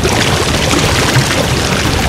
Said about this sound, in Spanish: Así sonaba el caudal del río Las Ceibas hace 50 años.